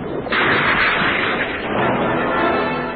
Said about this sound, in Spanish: Los agudos arpones lanzados por aire comprimido pasan rozando peligrosamente el cuerpo